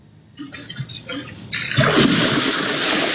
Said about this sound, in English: Security footage captured this mother bear who has two cubs splashing into the small pond. And it's not the first time this has happened. The family apparently shows up almost every day when the California heat is too much for it to handle.